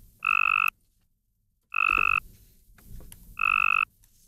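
Three short, buzzy trills of a Cope's gray tree frog mating call, each about half a second long and separated by pauses, loud with no talking.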